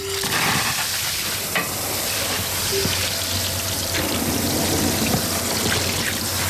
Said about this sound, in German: Das macht Spaß. Blumen gießen hier im Gartencenter Döscher in Hagen im Bremischen. Welche sind das jetzt, die wir da gerade gießen? Rispenhortensien.